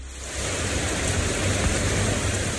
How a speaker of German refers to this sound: Gerade noch knallte der Sonnenschein vom Himmel, dann aber entlädt sich ein Hitzegewitter mit heftigem Regen. Binnen Minuten steht die kleine Straße in Hamburg-Eppendorf unter Wasser.